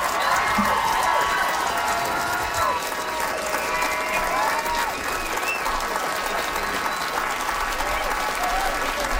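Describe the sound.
Sustained audience applause after a comedy set, a dense wash of many hands clapping at steady loudness, with some faint crowd murmur and scattered voices mixed underneath.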